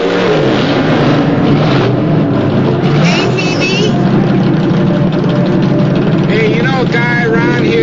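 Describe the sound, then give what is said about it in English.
A car engine idles with a loud, steady rumble at a traffic light beside a shiny black Chevy, then revs up in a couple of rising bursts, amid a dense background of other noise. “Terry pulls Steve's car alongside a shiny black Chevy at the traffic light”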